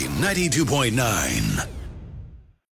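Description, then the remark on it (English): A breathy squeal of excitement held back to a whispered scream by a radio contest winner at work, its pitch wavering up and down for about a second and a half before trailing off into silence. “We have lots of contests, so when you win... better use your whisper scream.”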